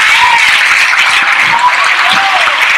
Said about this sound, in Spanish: Alguien dele un aplauso fuerte al Señor.